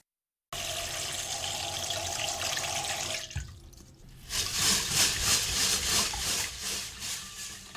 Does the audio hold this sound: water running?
yes